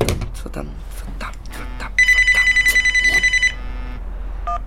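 A telephone bell rings in a rapid trilling burst lasting about a second and a half, loud, with faint muffled activity and a brief electronic tone around it.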